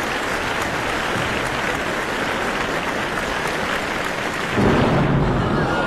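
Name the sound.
thunderstorm with rolling thunder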